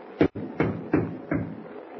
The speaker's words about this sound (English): Well, this is an emergency. Try knocking again.